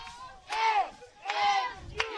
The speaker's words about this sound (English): You hear the MMU chants ringing through the stadium.